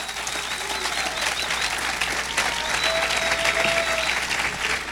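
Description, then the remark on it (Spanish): An audience applauds steadily, a dense wash of many hands clapping at once that holds at a constant, fairly loud level throughout without fading. “Si el que siente aplaudir, pues que no tenga temor, pues.”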